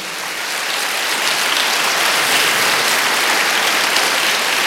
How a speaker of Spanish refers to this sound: Alguien me dice amén. Dele palmas al Señor, por favor.